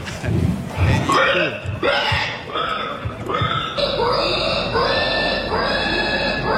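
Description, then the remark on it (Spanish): Several pigs in a pen squeal and grunt in a rapid, overlapping chorus of shrill, rising cries over low snorts, continuing without pause, with no talking. “Para mí eso es un marrano, un corral de marranos, pues.”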